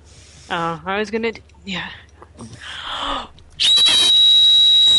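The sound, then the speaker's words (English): A person whistles a single steady, very high-pitched tone, trying for 2600 hertz, held for about a second and a half at the end, preceded by brief vocal sounds and accompanied by a loud hiss. “I need you to whistle 2600 hertz”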